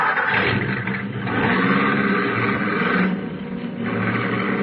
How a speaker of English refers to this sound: And then the car was stopping.